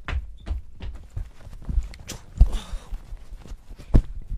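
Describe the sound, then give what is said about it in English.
Someone rummages through clothes, with irregular soft thumps and brief bursts of fabric rustling, one longer shuffle in the middle, and no voices. “start digging through clothes.”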